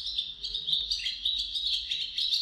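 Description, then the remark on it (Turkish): A Lesser Spotted Woodpecker recording made by Kerem Ali Boyra in Istanbul and shared in the eBird Macaulay Library: a continuous stream of high-pitched bird chirps and trills, dense and overlapping, with no talking over them and a faint low rumble beneath. “Bu programda kullandığımız kuş seslerinden Küçük Ağaç Kakanı, Kerem Ali Boyra İstanbul'da.”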